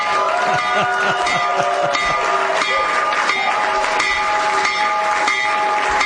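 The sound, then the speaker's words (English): A stock market opening bell, rung by the President, rings steadily and loudly for several seconds on a trading floor, its bright metallic tone sustained over a noisy background of crowd clamor and scattered voices. “When the markets open in just a few minutes, Trump accounts will benefit. So ring the bell, Mr. President.”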